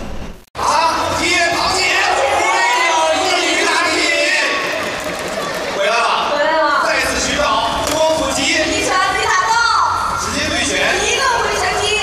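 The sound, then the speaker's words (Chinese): A packed crowd at Baoshan Gymnasium in Shanghai, China, cheers and shouts nonstop as several humanoid robots fight in an octagonal cage, many high, excited voices overlapping into a loud roar that swells and surges after a brief silent start. “机器人八角笼中打擂台，上海宝山体育馆昨天呢上演了一场硬核版的钢铁对决，多台人形机器人拳脚交锋，闪避走位，现场的欢呼声不断。”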